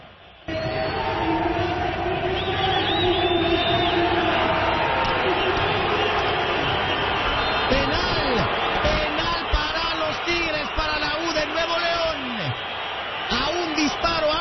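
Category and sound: crowd, stadium crowd chanting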